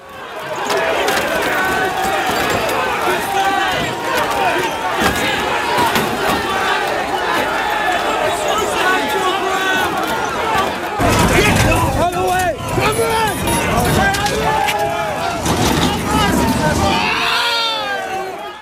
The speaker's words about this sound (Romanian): Imaginile momentului vin din Marea Britanie. Sute de protestatari s-au ciocnit cu forțele de ordine după o intervenție eșuată într-un caz de crimă.